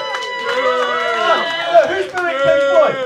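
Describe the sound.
A small crowd boos loudly and continuously, several overlapping voices drawing out low, wavering 'boo' sounds that rise and fall for a few seconds.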